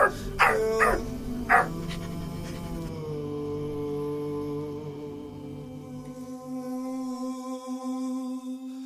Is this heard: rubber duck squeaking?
no